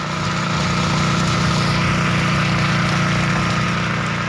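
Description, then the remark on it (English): Engines of fire trucks extinguishing forest, brush and peat fires along a road in Central Kalimantan idle in a loud, steady drone, a low throbbing rumble with a constant mechanical hum layered above it and no voices. “When she opens her door, the smoke from the burning trees and brush is thick, and the fire trucks extinguishing these fires keep coming.”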